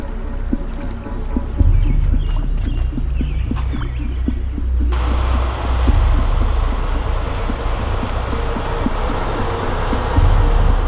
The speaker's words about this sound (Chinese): 电车来了，要不要靠过去？